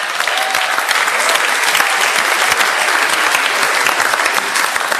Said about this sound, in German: Bitte Applaus für Gruppe 12 und 13.